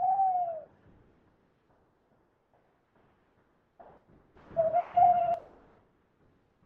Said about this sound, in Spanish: Es la 1 de la madrugada y nos ha despertado el canto de un búho que se nos ha plantado aquí encima.